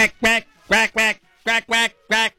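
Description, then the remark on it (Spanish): A duck wearing a Mexico national football team jersey quacks loudly, seven nasal, harsh quacks, mostly in quick pairs separated by short pauses, with nothing else audible around them. “Cuac, cuac.”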